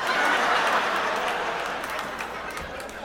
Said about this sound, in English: Stop clapping so aggressively.